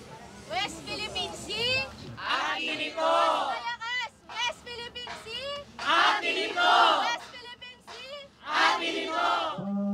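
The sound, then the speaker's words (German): A crowd of a Philippine organization aboard a chartered boat chants its slogan "Aten Ito" ("it belongs to us") in loud, rhythmic bursts of many voices shouting together, with short pauses between phrases and the chant repeating several times. “Das ist das Erkennungszeichen von der Organisation. Aten Ito bedeutet, es gehört uns.”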